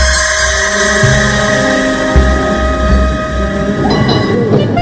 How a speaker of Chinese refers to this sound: 电车继续往前开去